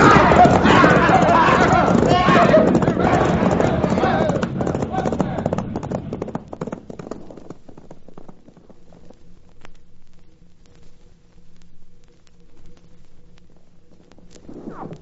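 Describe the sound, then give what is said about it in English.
Horses gallop with a dense, rapid clatter of hooves, loud for several seconds before fading away, leaving a faint low hum. “Turn those horses, boys, and let's get out of here!”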